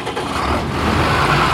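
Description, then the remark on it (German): A tractor engine runs steadily during grain harvesting, a loud, continuous low rumble with a rough mechanical drone and no pauses. No voices are heard over it. “Ob Paul auf seinem Trecker beim Getreideernten?”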